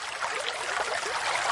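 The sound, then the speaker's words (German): A spring of water trickles and babbles steadily, a continuous bright gurgling flow at moderate volume, with no voices. “So hört sich eine Quelle an.”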